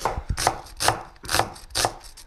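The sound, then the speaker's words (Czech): A small, hatchet-like kitchen cleaver chops onions on a board: about five firm, steady strokes, fairly loud, each a crisp knock with a faint juicy crunch. No one speaks. “Jarda krájí cibule, ale kdybyste viděli, to není nůž, to je sekáček, to je malá sekerka kuchyňská.”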